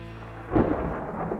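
A deep crack of thunder bursts in after a brief low hum, then a dense rumbling roar carries on through a stormy wash with no voices.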